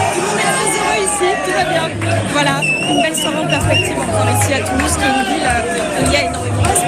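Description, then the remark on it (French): A packed, noisy crowd in the Franco-Spanish bar Le Boca in Toulouse, shouting and singing after Spain's victory, a dense continuous roar of many voices, with chant-like calls rising and falling throughout. “Voilà, vous l'entendez autour de moi, ça. ça crie, ça chante.”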